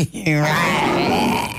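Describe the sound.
A person imitates a lion's roar with one loud, sustained growling cry that starts with a gravelly rumble and holds for over a second before trailing off.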